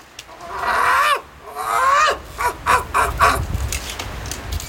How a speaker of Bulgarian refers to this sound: Гларусът много вика, само дразни хората.